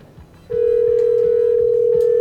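A telephone line dialed out on air from a radio station comes alive with a loud, steady tone that starts half a second in and holds unbroken to the end, with a faint murmur of voices underneath.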